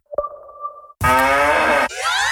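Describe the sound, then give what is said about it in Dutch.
The moo sound of a Müllermilk bottle: a cow moos loudly in a long, buzzy call that slides downward in pitch, followed by a shorter rising moo, after a brief steady tonal hum at the start. No one speaks. “Al één van de vier Müllermilkflesjes met het moe-geluid is gevonden.”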